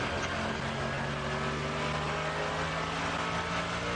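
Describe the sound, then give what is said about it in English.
A race car engine heard from onboard as the car comes down to the bridge, loud, droning steadily at high revs with a slight shift in pitch as the driver changes gear; no voices over it. “We can hear the onboard.”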